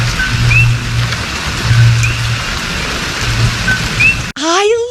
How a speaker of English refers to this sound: that like little frog that chirps